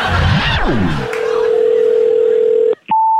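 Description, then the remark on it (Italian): A voice speaks briefly, then a loud click and a steady mid-pitched telephone tone after the call is hung up holds for about two seconds, cuts out, and after another click a higher steady tone begins. “Ma scusi, mi ha buttato giù il telefono?”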